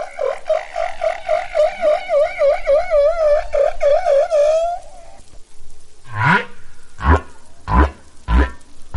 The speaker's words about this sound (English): Male humpback whales sing long, elaborate songs to attract mates, and they learn new song types every year.